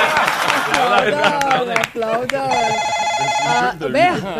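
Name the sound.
telephone ringing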